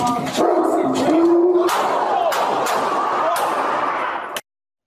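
Several sharp gunshots crack out in quick succession as a police officer fires his gun when the dog Jameson slips into the hall toward him, amid loud, chaotic shouting and the dog's frantic yelps, before the sound cuts off abruptly.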